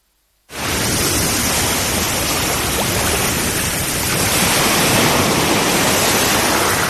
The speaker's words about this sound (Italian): Quando è stata l'ultima volta che hai ascoltato davvero il mare?